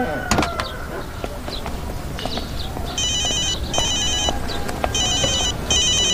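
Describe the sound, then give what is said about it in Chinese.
A phone ringtone chimes in repeated electronic bursts, starting midway and recurring in a steady rhythm over an outdoor backdrop of traffic rumble and faint chirps. “我接个电话，你先去。”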